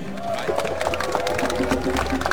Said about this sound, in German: Oh, es gibt selber Applaus für sich selbst, so gehört sich das.